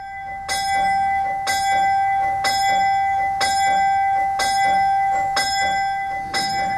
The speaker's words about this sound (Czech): Má kaple i svůj zvon? Má svůj zvon, je ve štítu zabudovaný, má to automatické zvonění, zvoní poledne a klekání, každý den.